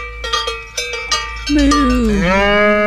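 Several quick metallic cowbell clangs ring out, then a single long, loud cow moo sound effect swells in and slides downward in pitch, holding steady to the end, played on WZID radio for Cow Appreciation Day, July 14th.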